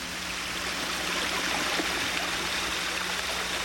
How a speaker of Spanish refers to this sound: ¿Qué pasa? ¿Qué es ese ruido? ¡Se está metiendo mucha agua a la casa!